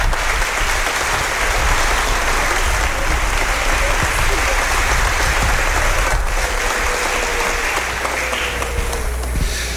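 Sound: audience applauding in church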